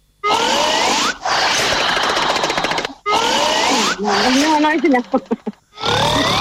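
Loud, harsh human snoring: several long rasping, growling breaths separated by brief pauses, with whistling rising tones and a sputtering rattle in the middle, no talking.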